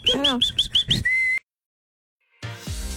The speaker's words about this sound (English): Being able to whistle well. Yeah. I can whistle what I can. I can whistle.